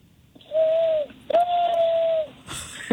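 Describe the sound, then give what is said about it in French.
A 12-year-old boy imitates an owl with two long, steady hoots at a mid pitch, the second held about twice as long as the first, with no talking around them. “OK, est-ce que t'es prêt à imiter pour nous le hibou?”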